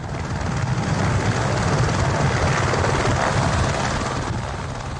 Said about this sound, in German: Es gibt Filmaufnahmen vom Flug, aufgrund welcher man vermuten könnte, ein Heli auf dem Mount Everest, na und?